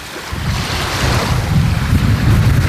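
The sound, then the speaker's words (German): Steady wash of sea water at the shoreline of the beach at Sandwig in Glücksburg, Germany, facing the sea toward Denmark: a continuous broad hiss with low rumbling surges, mixed with gusty wind buffeting the microphone. No voices, just the fairly loud surf and wind. “Wir stehen am Strand von Glücksburg in Sandwig an der Wasserkante. Vor uns liegt Dänemark und wir schauen aufs Meer.”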